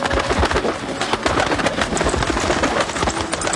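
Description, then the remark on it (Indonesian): Birds sing and chirp steadily against a dense, busy forest ambience, the calls overlapping continuously at a fairly loud level with no one speaking. “Bunyi apa ya? Wah, indah sekali burung itu.”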